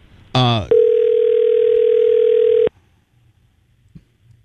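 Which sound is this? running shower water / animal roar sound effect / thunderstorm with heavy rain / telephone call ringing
telephone call ringing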